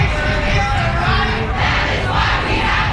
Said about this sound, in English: After several speakers highlighted issues of underfunding, the massive crowd marched through downtown Raleigh.